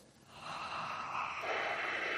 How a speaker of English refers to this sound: I hear a lot of heavy breathing, but nobody able to come up with the name Alan Moore.